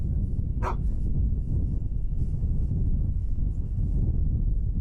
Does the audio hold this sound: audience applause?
no